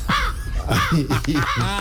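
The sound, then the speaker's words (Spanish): A person voices a series of harsh, nasal caw-like calls, about four in quick succession, loud, imitating a crow with no other talking. “A ver, por ejemplo, ¿cómo hace el cuervo?”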